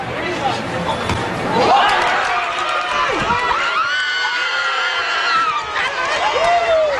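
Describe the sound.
Excited cheering at a football match: several voices shout and call out with rising, high-pitched cries over a steady, busy crowd murmur that stays fairly loud throughout.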